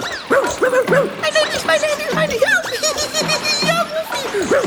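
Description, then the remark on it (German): A dog jumps into water and yips and barks excitedly in quick, repeated bursts while splashing with its paws, fairly loud, with bright, playful cries that seem mixed with giggly laughter. “Er hüpft ins Wasser, bellt freudig und planscht mit den Pfoten.”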